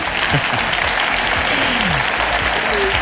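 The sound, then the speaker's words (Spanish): A crowd claps steadily in a dense, continuous burst of applause, loud and sustained across the whole moment, with faint voices murmuring underneath. “Bien, aplaude.”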